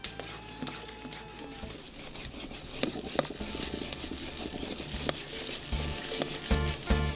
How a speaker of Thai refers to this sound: ใช้ไม้พายกวนคนเพื่อช่วยให้สาคูไม่ติดกันเราจะกวนจนกว่าเม็ดสาคูจะใสที่พี่ป้ายายจะเรียกว่าใสเป็นตากบนะครับ